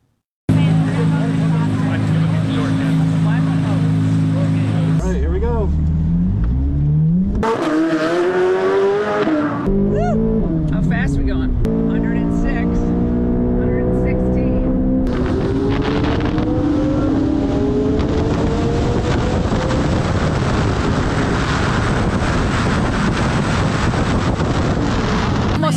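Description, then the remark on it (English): A Corvette sports car engine roars loudly, revving up and down through gear shifts as it speeds around a race track, with wind buffeting the microphone throughout. “I want to take a spin around the track myself, first in a Corvette.”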